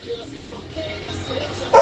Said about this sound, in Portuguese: Olha o cachorro.